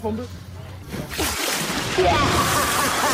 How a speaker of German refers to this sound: Na klar, Sommerzeit ist Arschbombenzeit und da muss es natürlich spritzen, bis die Schwarte kracht.